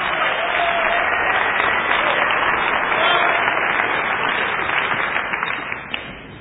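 A crowd applauds steadily for a performer and the band on Mountain Stage, live performance radio from West Virginia, a dense wash of many hands clapping at constant loudness that tapers slightly toward the end.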